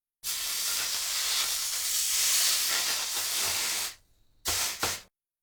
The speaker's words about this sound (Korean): 온도가 내려갔을 때 다진 고기를 넣어야 하므로 물에 적신 행주 위에다 달구어진 냄비를 올려놓고 조금 식힙니다.